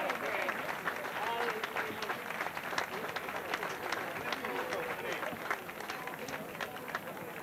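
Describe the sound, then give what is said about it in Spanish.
A crowd in Laredo applauds steadily for several seconds, a dense, even patter of many hands clapping at once with no pauses, moderately loud throughout, as a veteran float builder (carrocista veterano 2026) is honoured and receives an insignia from the mayor of Laredo. “hoy recibe el aplauso de todo Laredo como carrocista veterano 2026, la insignia que le impone el alcalde de Laredo, Miguel González.”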